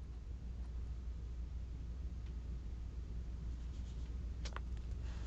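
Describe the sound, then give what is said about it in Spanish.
Faint, intermittent scratching of a ballpoint pen writing on a notepad, nearly buried beneath a steady low hum and background hiss, with a couple of slightly sharper strokes near the end. “luce concentrada y escribe sin titubear.”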